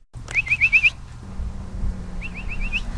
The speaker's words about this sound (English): whistles out the dinner bell for the stray and feral cat colonies she monitors.